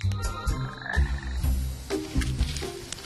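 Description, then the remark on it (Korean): A frog croaks repeatedly in low, rhythmic pulses, fairly close and loud, with overlapping calls continuing steadily throughout and no talking. “개구리라도 잡아보려 했는데 놓치고”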